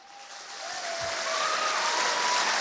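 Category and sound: crowd, audience applause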